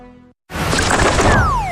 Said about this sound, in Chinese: 呀，小鸟撞玻璃上了。 这是白头杯，也叫白头翁，不仅唱歌好听，还是吃农林害虫的好手呢。